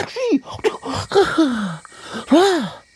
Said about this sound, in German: Der kleine König öffnet ein Auge und niest.